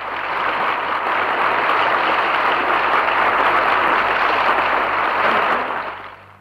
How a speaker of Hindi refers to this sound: हो गए और तालियों की गड़गड़ाहट से भवन गूंज उठा।